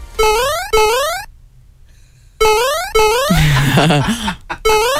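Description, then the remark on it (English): Bright 8-bit chiptune-style ringtone made by doubling a Mario video game sound effect: pairs of rising, buzzy square-wave sweeps repeat in bursts, separated by a short pause, with a brief burst of warbling, descending synth tones in the middle. Loud and synthetic throughout. “I've doubled that and made it into like a ringtone.”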